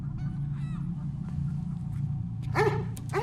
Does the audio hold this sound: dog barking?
yes